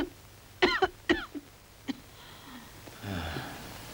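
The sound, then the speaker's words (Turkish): A patient, whom a doctor suspects has severe pneumonia, coughs hard several times in quick succession on the doctor's request during an examination. The coughs are harsh, and a wheezy, labored breath follows as the coughing subsides. “Peki, şimdi sıkıca öksürün.”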